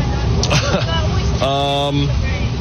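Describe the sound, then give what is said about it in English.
Steady low engine rumble and road noise fill the inside of a moving bus carrying 12-year-old youth baseball players, with muffled voices of passengers chatting throughout. “You know, maybe someone on this bus is going to be, you know, a big leaguer one day”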